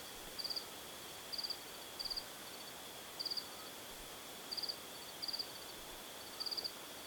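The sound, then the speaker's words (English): A cricket chirps in short, high trilled bursts, about seven of them at uneven intervals, over a soft steady hiss of night air. Fairly quiet, with no voices. “Spending nights outside before settling in the mountain village of Yagan, he writes of being sung to sleep by insects as darkness fell and the crickets began to trill.”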